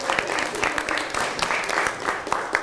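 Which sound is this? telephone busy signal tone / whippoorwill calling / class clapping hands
class clapping hands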